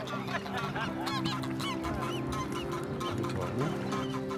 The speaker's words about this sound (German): Penthouse-Gänse. Sowas gibt's wohl nur in Hamburg.